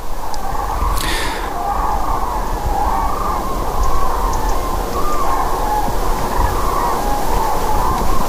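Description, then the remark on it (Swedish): Faint, wavering trumpeting of cranes in autumn drifts through heavy, steady wind noise on a very windy day, the calls rising and falling in pitch and barely standing out from the roar. “vi har ett höstigt tranljud här i bakgrunden.”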